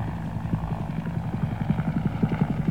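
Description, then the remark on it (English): Huey helicopters drone overhead with a steady, low rhythmic chop of rotor blades over a deep engine rumble. The pulsing beats come quickly and evenly, moderately loud and without voices. “Huey's over there. Lots of Huey.”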